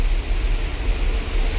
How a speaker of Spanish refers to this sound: Mira. Ahí se oye. Ah, la lluvia. La lluvia y los truenos, que justo ahora no está tronando. Esto es una maravilla, por favor.